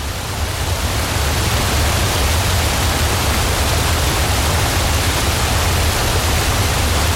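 A steady, dense roar of rushing water, like a waterfall crashing and spraying, continuous and loud for the whole stretch with a deep low rumble underneath and no voices.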